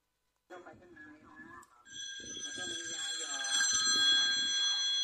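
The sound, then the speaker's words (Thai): A telephone starts ringing partway through, a loud, steady, shrill electronic trill that persists to the end, with a person talking briefly before it and faint speech continuing underneath. “มีโทรศัพท์เข้ามาที”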